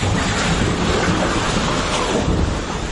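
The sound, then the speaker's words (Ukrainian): A loud, continuous roar of rushing flood water, a wave sweeping away everything in its path on the Nepal–Tibet border, dense and steady like a powerful surge, with a deep rumbling undertone and no voices. “10 секунд або мить, і хвиля повністю змітає усе на своєму шляху.”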